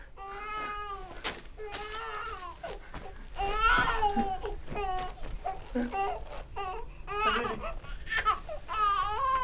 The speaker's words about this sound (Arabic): إنني أسمع بكاء طفل. إنه بكاء طفلك